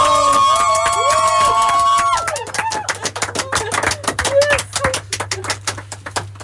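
A crowd cheers loudly with high whoops and whistles right after a marriage proposal, then breaks into sustained, rapid applause that carries on, dense and uneven, to the end.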